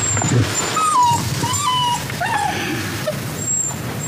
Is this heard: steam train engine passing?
no